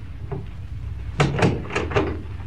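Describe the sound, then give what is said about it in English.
A door is pushed shut, making a quick run of four wooden thuds and rattling clicks over a faint low hum, with no one speaking. “Come in and close the door.”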